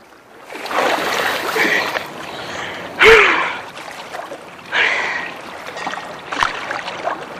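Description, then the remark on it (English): Sloshing splashes of a woman swimming breaststroke in the sea, broken by a sudden loud surge and sharp gasping breath as she surfaces after sinking underwater, followed by further bursts of splashing. “Now she surfaces.”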